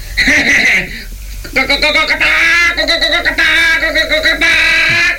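A chicken clucks and cackles loudly in a short burst, then after a brief pause in a longer run of wavering, raspy, high-pitched calls that rise and fall.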